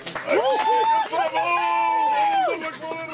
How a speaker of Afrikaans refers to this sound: Toe haar item verby is, is daar 'n hele ruk stilte. En toe klap almal hande en juig haar toe.